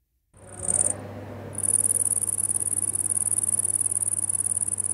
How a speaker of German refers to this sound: Erkennen Sie das Insekt? Richtig, eine Grille. Wahrscheinlich ein Tier, das die meisten auf dem Schirm haben.